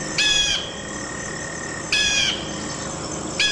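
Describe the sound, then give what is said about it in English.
A bald eagle gives three short, high, piping call bursts spaced about a second and a half apart, each a quick shrill chatter standing out clearly over a steady low background hiss. “The bald eagle.”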